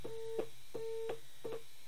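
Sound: telephone busy tone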